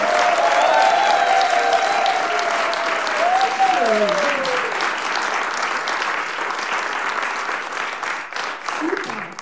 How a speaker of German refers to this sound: Großen Applaus für Isabella Barkan.